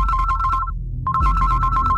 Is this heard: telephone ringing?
yes